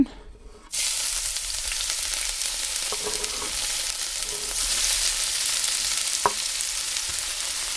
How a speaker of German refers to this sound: Die beiden Lauchstangen sind also verarbeitet. Die Pfanne am Herd steht bereit. Und jetzt kommt der Porree in das heiße Olivenöl.